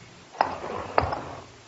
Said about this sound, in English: It was 3 o'clock in the morning, and I heard a distant clock chiming the hour.